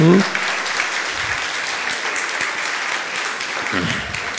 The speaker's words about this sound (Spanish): Es el Señor quien lo ha hecho. Dele un aplauso al Señor, hombre.